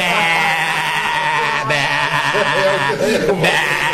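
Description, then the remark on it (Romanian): A man's voice imitates a sheep, letting out a long, wavering bleat that carries on for several seconds, loud, with a slight break partway through. “Vă mândriți că sunteți ce sunteți niște lupi, dar eu sunt o oaie.”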